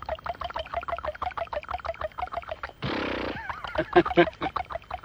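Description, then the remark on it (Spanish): A man's voice imitates a horse like those in silent films: quick, steady clip-clop beats, then a harsh breathy snort and a wavering whinny-like cry, all fairly loud and with no other sound behind it. “¿Cómo eran entonces los caballos que de pronto aparecían en las sí. películas mudas y usted se largaba ahí siendo un chiquilín así a hacerlos en sonido?”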